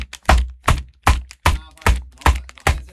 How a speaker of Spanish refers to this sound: Acá están los papeles. ¿Escuchá? Esos son los papeles.